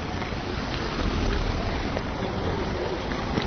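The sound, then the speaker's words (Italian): Steady rain falling outdoors, a dense, even hiss of drops with no breaks, fairly loud with a faint windy rumble underneath. “Come sentite, sta piovendo finalmente sta piovendo perché è un caldo da Madonna incredibile.”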